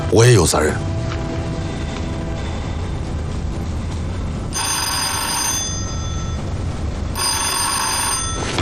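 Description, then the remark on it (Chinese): A telephone bell rings in two distinct bursts, each lasting about a second, loud, over a steady low background rumble after a brief opening voice; it is a call for the commander from Peng (彭总). “喂，是，司令员，彭总电话”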